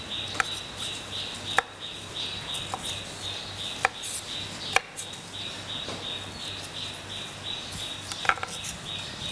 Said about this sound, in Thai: ก็ลวกเช่นเดียวกันนะคะต้มน้ำลวกให้สุกนะคะก็หั่นชิ้นพอคำนะคะ